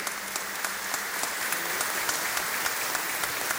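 An audience applauds steadily, a dense wash of many hands clapping at an even level with a few sharper claps standing out, and no one speaking over it.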